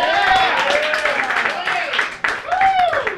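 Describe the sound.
A comedy club crowd applauding steadily as a comedian is introduced, with loud whoops and cheering voices rising over the clapping for a few seconds.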